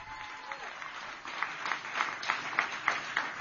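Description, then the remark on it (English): An audience applauds Ohio governor candidate Vivek Ramaswamy during a campaign speech, a steady wash of many hands clapping that builds slightly louder toward the end, with some voices faintly mixed in. “The other, I'll take applause for that.”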